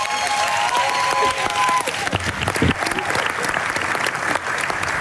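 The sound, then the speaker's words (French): Sustained audience applause for a singer introduced for a live performance, a dense crackle of many hands clapping steadily for the full length, with a faint tonal sound fading out early on beneath it. “que vous pouvez applaudir bien fort.”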